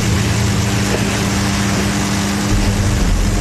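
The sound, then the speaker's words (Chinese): Engines of two police speedboats roar loudly and steadily as they chase a fleeing craft out to sea, a continuous drone with a deep throbbing hum under a wash of rushing noise. No one speaks. “分别跳上两艘快艇，奋力地向芒巴追去”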